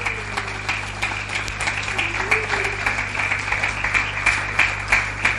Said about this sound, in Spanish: Denle un aplauso al Señor, claro que sí.